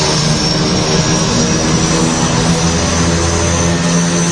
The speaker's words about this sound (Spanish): Y todo a un montón de pies del suelo y con el sonido de los motores de fondo.